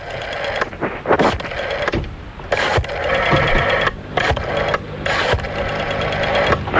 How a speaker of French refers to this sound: Et on y va, c'est parti, on est en train déjà de composer le numéro de téléphone. Voilà qui est en train de se faire.